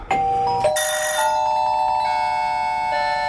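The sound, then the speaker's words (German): A doorbell chime in a song rings out clearly on its own, several bright bell-like tones struck in quick succession near the start, then left to hum and shimmer as they slowly fade. “Die Klingel in diesem Song hier, die ist übrigens auch ziemlich schön, finde ich.”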